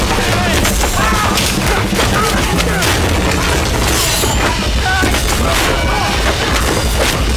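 Rapid, heavy fist punches land in a fight, a dense, chaotic barrage of thuds and smacks, loud and continuous throughout, with shouting voices mixed into the din.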